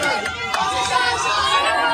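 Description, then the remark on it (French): A dense crowd of fans gathered in front of a cycling team's bus at the Tour de France, trying to approach rider Paul Seixas, chatters and calls out all at once, a steady loud babble of many overlapping voices with occasional brief shouts rising above the din. “Il n'y a qu'à voir la cohue devant le bus de son équipe, matin et soir.”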